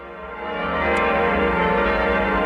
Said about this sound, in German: Die Glocken verkünden es. Das Bistum Eichstätt hat einen neuen Bischof.